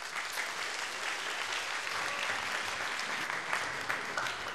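Steady, sustained applause from a large crowd, a dense wash of clapping that holds at an even loudness for several seconds without talk.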